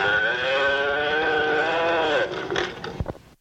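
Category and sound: animal, cow mooing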